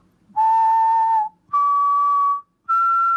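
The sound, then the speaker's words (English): Three clear whistled notes climb step by step in a simple major triad, each held steady for about a second with short gaps between, loud with no talking; whistled into a microphone to search for songs by their melody. “And you just need to activate your microphone and you can whistle like...”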